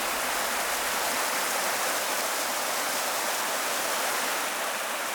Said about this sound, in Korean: 화양천 맑은 물 따라 아홉구비 계곡의 물소리 아름다운 곳, 화양구곡입니다.